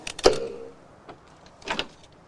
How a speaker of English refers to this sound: Outside in the darkness, Otto picks the lock on the front door.